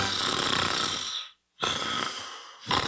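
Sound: person snoring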